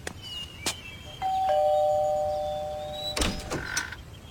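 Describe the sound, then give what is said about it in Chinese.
The doorbell at 126 Park Lane (公园巷126号), pressed by a child on arrival, rings with two sustained electronic tones, a ding followed by a lower dong that lingers, preceded and followed by brief clicks and knocks at the door; no one speaks. “抵达后按响门铃，好吧，那就按呗。”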